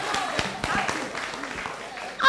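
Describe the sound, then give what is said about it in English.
Audience applause for a participant, a steady wash of many hands clapping with sharper claps standing out, while voices chatter and cheer underneath. “Okay, please, let's clap for him.”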